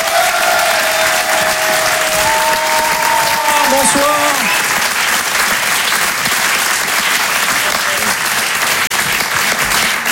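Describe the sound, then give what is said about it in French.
Dense, steady audience applause for about ten seconds, loud and continuous, at a live show on the Rire et Chanson Comedy Club stage as a comedian is introduced, with a man briefly speaking a greeting over it partway through. “Et en live ce soir sur la scène de Rire et Chanson Comedy Club, applaudissez-le s'il vous plaît, ….”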